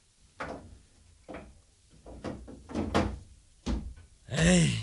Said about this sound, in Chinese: 唉，咩人喺度乱咁拍门啊？